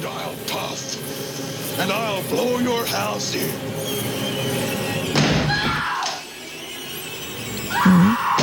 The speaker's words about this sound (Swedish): Här hör vi hur han hugger med yxan i dörren.